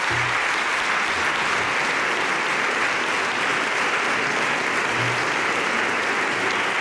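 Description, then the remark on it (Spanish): Sustained applause from an audience for the jury members of the Premios del Ojo Crítico, a dense, steady wash of clapping hands that continues at an even loudness for several seconds with no voices standing out. “Así que os voy a pedir un aplauso para todos los compañeros que forman parte de los jurados de los premios del ojo crítico.”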